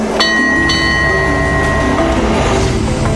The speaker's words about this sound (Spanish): Nuestro tren continúa serpenteando a lo largo del Kwai Noi. Lo que queda de la impresionante ruta del ferrocarril Tailandia-Birmania termina en Nam Tok.